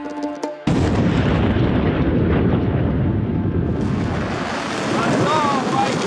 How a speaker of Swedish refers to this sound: Iranska raketer mot Israel som lyser upp natthimlen och enligt iransk stats-tv jubel från åskådare på marken som följs av flyglarm i Haifa i norra Israel.